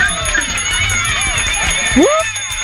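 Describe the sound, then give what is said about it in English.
A loud bell rings continuously for a few seconds with a bright, sustained metallic tone to mark the winner of a game, while voices whoop and talk underneath it. “Yes, the bell comes back.”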